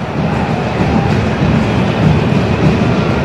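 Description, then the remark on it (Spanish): Deep, steady rumbling of thunder from an electrical storm during a Toluca versus Atlas football match rolls on for several seconds, a dense low roar with a faint hiss on top, loud and unbroken, with no voices over it. “Ojito, porque me escuché un rayo, un trueno, perdón.”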